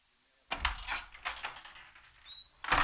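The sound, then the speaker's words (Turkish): An elevator door slides shut with a rumbling, scraping mechanical sweep lasting about two seconds, a faint brief beep near the end, then a louder rush as it closes, before the elevator goes up to the 8th floor. No one speaks. “8. kata çıkacağız. Kapıyı kapat.”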